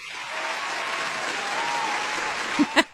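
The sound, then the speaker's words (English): Steady applause from a crowd fills the space at moderate volume, a dense wash of many hands clapping, with a voice briefly breaking in near the end. “I almost didn't clap for you.”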